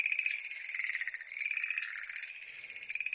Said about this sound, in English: Turn these frogs down. Getting rowdy.